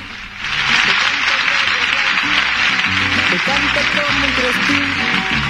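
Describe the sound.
An audience on a Santiago del Estero radio show breaks into steady, loud applause for the show's production team. It starts abruptly and keeps going for several seconds, with voices audible underneath the dense clapping.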